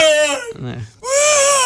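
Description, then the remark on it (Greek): A man crying loudly, presented as footballer Giannoulis crying over PAOK, with two drawn-out, high-pitched wails broken by a short, choked sob in between and no other sounds around it. “Αυτό τι είναι, κλάμα ΠΑΟΚ.”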